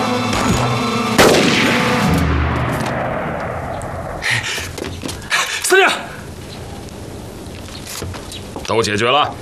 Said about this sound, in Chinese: 你听到外面的枪声没有啊？